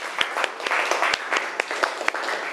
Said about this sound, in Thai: ขอเสียงปรบมือให้เพื่อนจากกลุ่มที่สองนะคะ